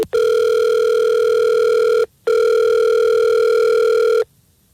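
Two long, steady electronic ringback tones sound clearly, each about two seconds with a short gap between, the pattern of an outgoing phone call ringing on the line, placed live from the Fred Show, a morning radio show. No voices are present.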